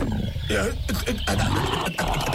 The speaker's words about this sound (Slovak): Čo tu robí ten medveď? Medveď, to je naozaj s tým medveď.